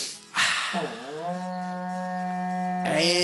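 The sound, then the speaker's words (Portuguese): A berrante cattle horn, blown live on a radio program by lung breath, in one long, sustained blast. It swoops up in pitch, then holds a steady, brassy, lowing tone for about two seconds before cutting off with a breathy burst. “Toca o berrante para nós aí, irmãos da Deu.”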